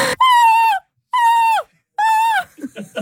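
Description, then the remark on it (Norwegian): An NRK news presenter imitates a seagull's screech in the studio with three loud, drawn-out wailing calls separated by short pauses, followed by a brief burst of softer vocal sounds. “Visste du at det finnes et europamesterskap i måkeskrik?”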